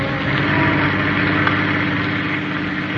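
A car engine hums steadily as the car speeds on to its destination, a constant low, rumbling drone with no rise or break, fairly loud, with no voices.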